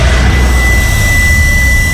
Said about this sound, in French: L'automobiliste expire un grand coup dans l'embout du test. Jusqu'à entendre un claque.